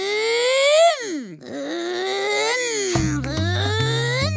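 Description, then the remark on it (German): A child's voice, asked for its loudest car noise, imitates a loud car engine, a strained, wavering vocal drone that rises, dips sharply, then climbs again, joined near the end by a low, steady rumbling hum. “Mach mal bitte dein lautestes Autogeräusch.”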